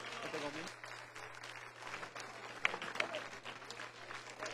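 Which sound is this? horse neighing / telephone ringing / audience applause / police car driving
audience applause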